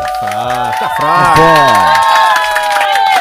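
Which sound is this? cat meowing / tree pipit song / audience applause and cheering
audience applause and cheering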